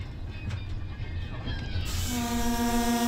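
A train rolls slowly along the rails at 30 km/h through the countryside, past destroyed residential areas, with a low, steady rumble, and partway through a loud, sustained horn blast joins in and holds to the end.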